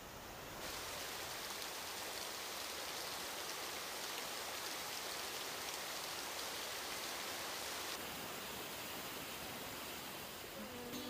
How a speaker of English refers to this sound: Gonna take a shower.